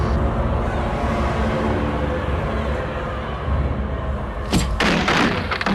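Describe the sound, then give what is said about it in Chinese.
Heavy, rumbling crashes of an attic door being battered and broken in by agents, with a dense low roar throughout and sharp splintering bursts near the end. “门终于被砸破了，特务们一拥而入”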